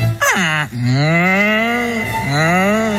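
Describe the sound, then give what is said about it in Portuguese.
An ox lows loudly in a series of long, drawn-out moos, each rising then sagging in pitch, with no voices alongside. “E como fixeron na Franqueira, daquela santo remedio, fixen así, colleron un carro de bois.”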